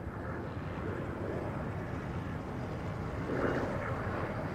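A steady, dense rotor-and-engine drone of a helicopter overhead filming from above as O.J. Simpson's white Ford Bronco drives along a Los Angeles freeway followed by more than a dozen police cars; constant and fairly loud, with a slight swell toward the end and no voices.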